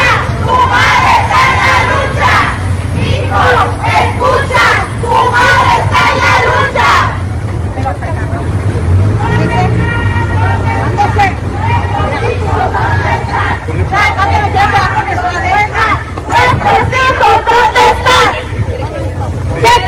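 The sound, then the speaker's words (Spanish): A large crowd at a peaceful protest march through the streets of Culiacán chants and shouts in unison, loud and continuous, with rhythmic bursts of voices and a low rumble of traffic underneath; mothers of missing people demanding justice. “Algunos de estos pues gritos dolorosos y desde luego que calan en el sentimiento de quien los escucha, si no se puede ser tan frío como para voltear para un lado y no ver el grito de estas madres que reclaman”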